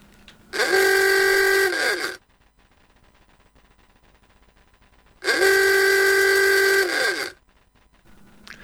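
Two long, loud honks from the rubber-bulb horn of an old Forté car, each bending in pitch at the start and end, with a faint low rattle of the Forté's old engine in the quieter gap between.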